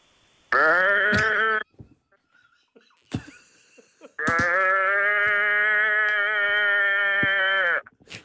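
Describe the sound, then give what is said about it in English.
A person imitates a sheep's bleat twice: a short nasal baa, a brief pause with small noises, then a longer, steady, loud bleat held for several seconds. “It was meant to be a sheep, but he said it's a cow, so I just went with it.”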